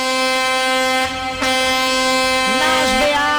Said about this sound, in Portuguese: Alô, meus amigos taxistas, buzina pra mim. Alô, motoristas de aplicativo, buzina também. Nossos amigos motoristas de caminhão, caminhoneiros, caçambeiros e carreteiros.